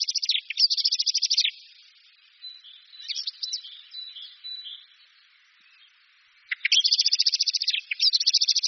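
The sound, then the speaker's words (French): A bird's flight alarm call, given in imminent danger to tell other birds it has decided to leave: rapid, high-pitched chattering bursts, loud, with softer scattered notes in a brief lull before another urgent burst of repeated calls. “Et en cas de péril imminent, là il y a le cri de fuite.”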